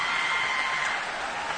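Steady, dense applause from a crowd, a continuous wash of many hands clapping at even loudness throughout, with no voices over it.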